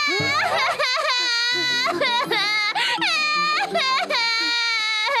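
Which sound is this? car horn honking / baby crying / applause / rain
baby crying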